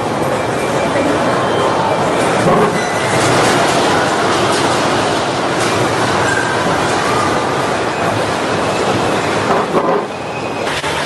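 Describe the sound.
An earthquake strikes an airport waiting room: a deep, continuous rumble with rattling and shaking noise, loud and steady for about eleven seconds, with indistinct voices mixed into the roar.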